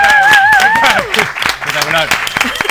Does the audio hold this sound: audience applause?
yes